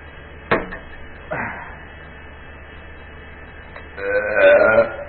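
A short sip of juice and a swallow, then after a pause a loud, drawn-out burp lasting about a second. No one speaks.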